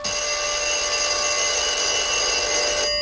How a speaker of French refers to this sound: Le téléphone sonne. Je décroche.